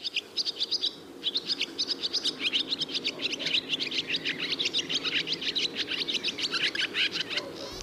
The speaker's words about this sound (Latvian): Bezdelīga ir viena no tām Latvijas putnu sugām, kuras, manuprāt, būtu jāpazīst tik vienam.